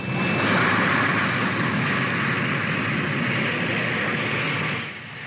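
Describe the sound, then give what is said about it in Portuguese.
A father and son, playing a battle of airplane pilots, imitate an airplane engine with a loud, steady, breathy roar that holds for about five seconds before dropping off at the end, with no words spoken. “Vamos fazer a batalha que estão de pilotos de avião.”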